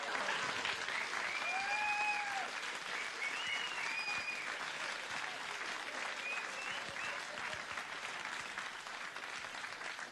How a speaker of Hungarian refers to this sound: Huszonhat évet vártam erre a tapsra, tehát... Ott akkor nem örültek így.